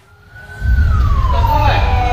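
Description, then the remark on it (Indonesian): Ambulance sirens wail with a slow falling pitch over the deep rumble of heavy vehicle engines, swelling suddenly to a loud, sustained roar as a convoy of 16 ambulances from Lubuk Linggau, under tight police escort, arrives at a hospital in Palembang, Indonesia, around 4:20 on a Thursday morning. “Kamis pagi sekitar pukul 4 lewat 20 menit waktu Indonesia Barat, iring-iringan 16 ambulans dari Lubuk Linggau tiba di Rumah Sakit Bayangkara Palembang dengan pengawalan ketat pihak kepolisian.”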